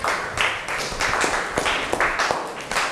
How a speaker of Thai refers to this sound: ขอบคุณตัวแทนมากๆเลยค่ะประจำที่ได้เลยขอเสียงปรบมือให้ตัวแทนหน่อย